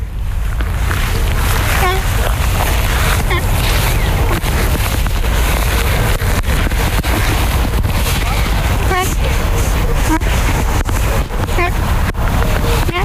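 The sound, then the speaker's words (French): Ducks quack in scattered short bursts, a few calls at a time, over a constant loud rumble of wind and low outdoor noise. “Les canards faisant du bruit.”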